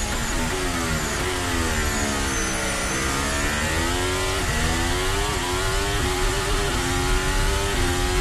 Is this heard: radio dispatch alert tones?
no